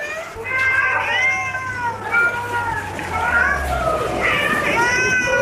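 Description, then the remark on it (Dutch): Several cats meow continuously over one another, a dense, loud chorus of overlapping wavering cries with a low steady hum underneath, evoking the first official cat show at London's Crystal Palace in 1871. “Op 13 juli 1871 kwamen in het Crystal Palace ruim 20.000 bezoekers samen om katten te bekijken.”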